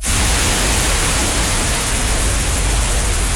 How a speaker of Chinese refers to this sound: 又是沉默，只有屋外哗啦啦的雨声和雨滴落到河面上、屋檐上的滴答声。